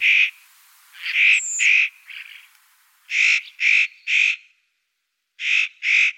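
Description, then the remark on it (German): A spotted nutcracker gives a series of loud, harsh rasping calls, about nine in short bursts of two or three with brief pauses between, without any talking. “Mein Vogel der Woche, der äußerst cute Tannenheer, Nutcracker.”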